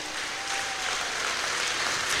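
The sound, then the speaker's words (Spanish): An audience at a morning service applauds the Lord, clapping together in a steady, dense wash of applause that holds at an even level for a couple of seconds, with no voices standing out. “Denle fuerte ese aplauso al Señor esta mañana.”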